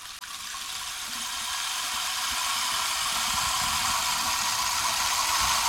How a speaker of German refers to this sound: Und das Wasser rinnt über mich. Es rinnt, es rinnt, es rinnt, es tröpfelt, es bewegt sich, es tröpfelt, es läuft an mir herab. Das Wasser läuft an mir herab.